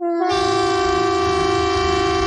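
A Norwegian public warning siren, tested by the police and civil defence on 10 June at 12 o'clock, blares a loud, steady tone that starts abruptly and holds one unwavering pitch, rich and brassy, with a low rumble underneath.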